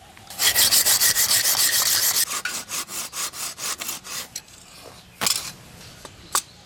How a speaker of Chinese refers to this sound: 啊，不行， 很难锯耶。加油，我砍第三根。